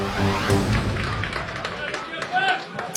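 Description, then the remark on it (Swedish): Scattered, uneven spontaneous clapping from the crowd at Strandvallen during an Allsvenskan football match, home side Mjällby hosting Degerfors at 0-0 after 17 minutes, a few sharp claps popping out over a steady murmur of voices and background noise. “Spontana små applåder på Strandvallen där det spelas allsvensk fotboll.”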